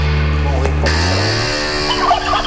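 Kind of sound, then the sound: bird, hens clucking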